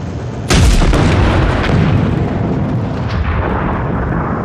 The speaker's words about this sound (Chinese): 啥玩意儿爆炸了？